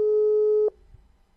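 A loud, steady telephone line tone sounds for about two-thirds of a second, then cuts off abruptly, leaving only a faint low hum with no one talking.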